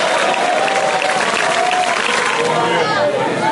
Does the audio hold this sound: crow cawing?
no